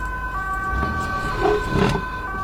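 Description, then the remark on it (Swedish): An ambulance siren wails steadily as the ambulance drives away, its sustained tones holding over low traffic rumble, with a couple of brief louder bursts of street noise midway. “En ambulans.”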